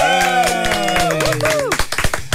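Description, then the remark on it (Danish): Several people in a radio studio clap in a quick, uneven burst of welcoming applause for a guest on a Wednesday morning show, sharp hand slaps over sustained tonal sounds like music or cheering voices, growing louder and more scattered toward the end. “Ej, du blev helt overvældet og klappede med, fordi jeg havde du ikke forventet.”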